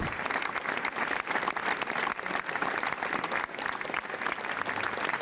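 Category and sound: crowd, audience ovation applause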